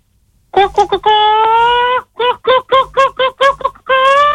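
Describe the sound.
A voice imitates a clucking hen: a few quick clucks, a long drawn-out nasal note, then a run of about eight short, evenly spaced clucks ending in another held cackle.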